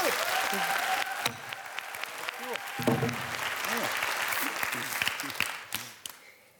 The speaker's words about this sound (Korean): 그래서 여러분들 뜨거운 박수 한번 주십시오.